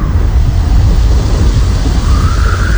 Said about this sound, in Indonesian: Hai teman Pro 2, hujan turun, angin ikut datang.